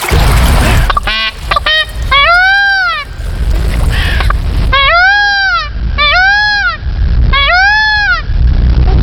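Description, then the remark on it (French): An Indian peafowl (blue peacock) calling in a forest by a stream: loud, nasal, arching wails repeated in several bursts of rising-then-falling cries, over a steady low rumble of background noise. “Découvrons ensemble le paon bleu.”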